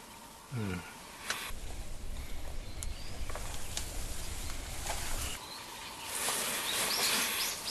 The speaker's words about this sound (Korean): 온통 새소리고.